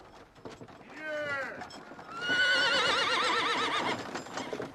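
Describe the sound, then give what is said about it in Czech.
A horse, one of the mares pulling a wagon along a bad road, gives a short rising neigh, then a long, loud, quavering whinny, with scattered clopping hoofbeats at the start and again near the end. “Někdo se sem hrncá po té strašné cestě a poněvadž se kobylkám podlamujou nohy, hladí je po hřbetech bičem.”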